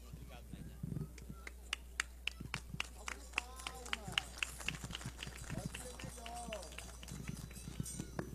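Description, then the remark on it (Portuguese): Scattered, uneven hand claps from a small audience at a ceremony honoring vaqueiros (cowboys), sharp individual slaps rather than a full ovation, with people's voices talking and murmuring underneath throughout. “Salva de palmas, pode ser melhor.”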